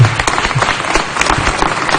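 A crowd applauds steadily and fairly loudly, a dense wash of many hands clapping at once, with no voices over it.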